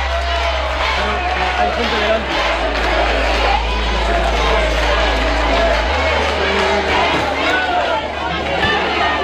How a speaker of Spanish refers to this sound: Allí fue recibido con división de opiniones entre aplausos y gritos de guapo y también abucheos.